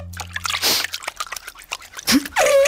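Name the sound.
feet splashing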